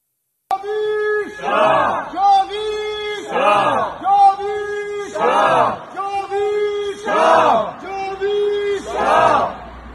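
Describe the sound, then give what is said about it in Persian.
A protest crowd of Iranians gathered in front of the German Foreign Ministry chants a slogan in unison, loudly repeating the same rhythmic, sing-song phrase about five times in steady cycles, with raised voices swelling on each repetition. “تعدادی از ایرانیان مقابل وزارت امور خارجه آلمان تجمع کردند.”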